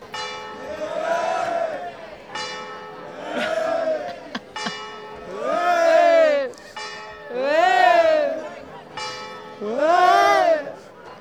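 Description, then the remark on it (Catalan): A church bell strikes eleven o'clock, marking the end of a day of a rooster-crowing contest: a few evenly spaced strikes with a lingering hum, partly drowned out by a crowd's loud, rising and falling shouts between and over the chimes. “Però bé, després d'una jornada intensa de Cant de Galls, les campanes de l'Iglés hi van marcar el final. Eren les 11.”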